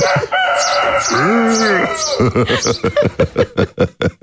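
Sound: rooster crowing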